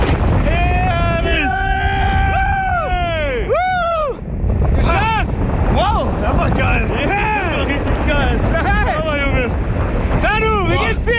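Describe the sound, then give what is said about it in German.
A loud, steady rush of wind roars throughout, buffeting the microphone during a parachute skydive from an aircraft at 3,000 to 4,000 metres over Stadtlohn, while excited voices shout and talk over it with rising and falling tones. “Da sind sie wirklich dann da mit dem Fallschirm gerade unterwegs noch in der Luft gewesen.”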